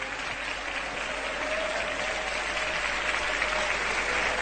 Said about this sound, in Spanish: Tomen asiento, amados hermanos. Y dele un aplauso al Señor.